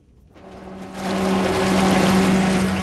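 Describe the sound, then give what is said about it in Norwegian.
A boat's bow thruster whirs up within a second into a loud, steady rushing roar with a low motor hum underneath, sustained, as the boat comes in to dock at a quay in a harbour, with no voices. “Ulempen at du hører hvilke båter som bruker Vevrobellen for å komme seg inn til kai.”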